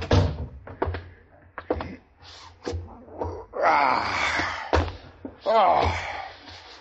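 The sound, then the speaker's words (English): A door at headquarters is swung and closed shut on a general's order, with a series of sharp wooden knocks and thuds and a couple of loud creaking, groaning sweeps in between. “Close the door,”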